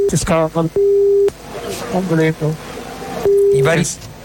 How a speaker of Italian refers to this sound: I vari bip non li traduciamo, il concetto è: sono insabbiato nella sabbia, è uscito a Stowe, questa macchina è bip inguidabile, aggiungete voi un avverbio scurrile a vostro piacimento.